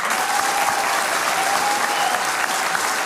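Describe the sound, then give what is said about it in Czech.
An audience claps steadily in support of the radio broadcaster, a dense, even wash of many hands with no pauses or swells, loud and continuous throughout, with no voices standing out. “Děkujeme za tu podporu a tím mám na mysli nejenom tenhle potlesk, ale vůbec vaší podporu, kterou my v rozhlase cítíme.”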